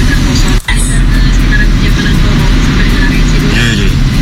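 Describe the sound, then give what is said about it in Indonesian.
Slow road traffic crawls along Suhat toward the UB Bridge, with the deep, steady engine drone of a heavy cement mixer truck filling the scene for several seconds, briefly dipping before resuming. “Arus lalinnya di Suhat arah Jembatan UB merambat kawan. Sebentar, kita akan lihat dulu ada apa ini? Truk molen.”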